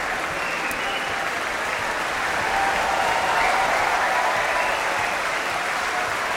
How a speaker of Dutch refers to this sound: Dit applaus is voor het koor. Het Laurens Symfonisch. En daar komen de solisten weer het podium op.